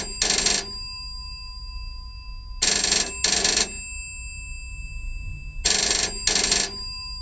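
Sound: telephone ringing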